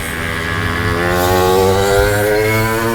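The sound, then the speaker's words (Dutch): Several small two-stroke engines buzz steadily, their overlapping drones rising slightly in pitch as a group of mopeds rolls past, with no talking. “Ja, er komt een hele groep brommers hier voorbij.”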